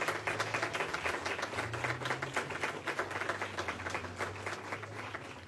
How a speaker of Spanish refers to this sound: También queremos agradecer la participación musical a cargo del ensamble universitario Levi. Sabemos, el aplauso, por favor.